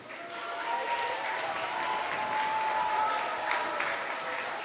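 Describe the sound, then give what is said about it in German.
Steady audience applause at a children's lecture, a dense wash of many hands clapping at an even level for several seconds, with no voices rising above it. “Ein Applaus.”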